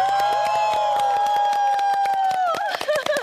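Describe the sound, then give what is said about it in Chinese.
A studio audience cheers and shouts loudly to vote between two musical acts by the volume of their cheering, a sustained, voiced roar with scattered claps throughout; near the end the shouting breaks into uneven whoops before fading slightly. “你没欧，现场观众都欧了 啊， 这个责任得你来担。”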